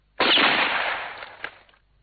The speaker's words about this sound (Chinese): 野猪猛然听到砰的一声枪响，吓了一跳，以为自己被打中了，倒在地上晕了过去。